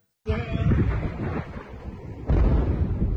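A heavy, rumbling blast erupts suddenly and rolls on, followed by a second deep boom about two seconds later, loud and low with a windy, roaring tail and no voices. Multiple explosions from US airstrikes at night in Chabahar, in the east of Iran.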